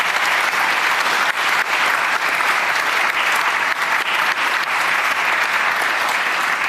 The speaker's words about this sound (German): An dieser Stelle aber einen Applaus für Thomas von Steinecker und seinen Roman Schwestern.